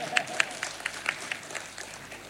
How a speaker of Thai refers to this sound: ปรบมือนิดนึงครับ